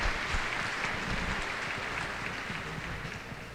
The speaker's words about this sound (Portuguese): Então, uma salva de palmas para o aniversariante, para os nossos amigos ali.